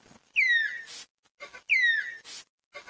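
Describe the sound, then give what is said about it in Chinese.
A Malayan tapir gives two sharp, high-pitched whistles, a call it makes to express excitement, each a descending squeal followed by a breathy, noisy tail, with short pauses between. Fairly loud, with no talking. “这种有着奥利奥配色并且叫声奇特的生物叫做马来貘，它们会发出尖锐的口哨声来表达兴奋。”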